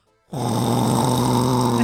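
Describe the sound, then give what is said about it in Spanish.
After a brief silence, a voice launches into a loud, drawn-out imitation of snoring, mimicking someone who fell asleep while watching a pirated DVD of La Reina del Sur: one continuous, rough, throaty rumble that holds steady for over a second and a half. “Pero unos ronquidazos que le digo”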